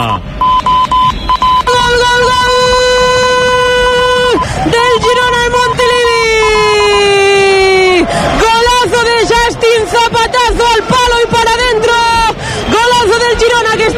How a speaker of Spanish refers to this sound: Superior en este inicio de partido, en el 21 de la primera mitad, golazo de Justin. Girona 1, Las Palmas 0. El rugido de la... la grada